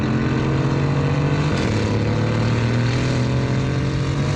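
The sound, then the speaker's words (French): A powerful 510-horsepower twin-turbo V8 engine of an Aston car roars steadily and loudly, its deep harmonic drone shifting pitch once midway as the revs change, with no talking over it. “Là, on entend bien le V8 biturbo rugir.”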